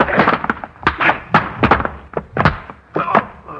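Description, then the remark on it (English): A rapid, uneven flurry of heavy blows and thuds, like punches landing in a scuffle, ending as a body drops to the floor with a final thump. “Now pick Mr. Casey up from where he's fallen and throw him out the door.”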